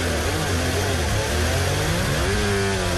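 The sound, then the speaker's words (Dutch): A Formula 1 car's anti-stall engine sound: a loud, steady mechanical drone with harmonic tones that waver and shift in pitch, dipping and rising again over about three seconds, with no talking. “Zo klinkt een anti-stol.”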